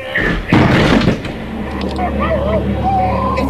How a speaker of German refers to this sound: Wir müssen die Tür aufbrechen. Los, wir werfen uns gegen die Tür. Eins! Jetzt! Nochmal! Zu gleich, Doktor! Jetzt!